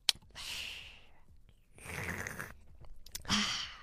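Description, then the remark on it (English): A sharp click and hiss of a drink can opening, then a slurping sip and a breathy exhale, apparently imitated with the mouth. Fairly quiet, with no speech. “You crack it open and you take a sip.”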